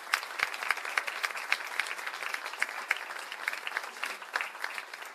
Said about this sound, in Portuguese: Queria agradecer muito o nosso técnico de som, Alexandre Hang, salva de palmas.